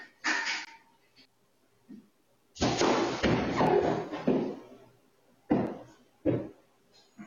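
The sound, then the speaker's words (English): A deer runs into a glass door, caught on security cameras. Loud, heavy thuds and rattling crashes come in bursts: a long jarring impact stretch in the middle, then two more sharp thumps near the end. “checked their security cameras and discovered that a deer had run into the glass”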